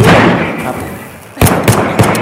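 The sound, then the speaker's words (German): Three sharp, loud gunshots crack out in quick, evenly spaced succession, following a fading wash of rumbling noise. “Runter auf ihr Schuss.”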